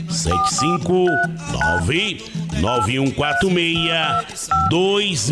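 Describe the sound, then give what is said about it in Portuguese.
A series of short telephone keypad dialing tones beeps out in quick succession, clearly audible over a continuous voice that talks or sings throughout. “Pega o telefone, Marque a sua consulta.”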